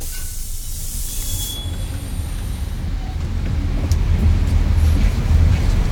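A bus rolls along with a steady low engine rumble and a faint airy hiss, the drone swelling slightly louder toward the end. No one speaks.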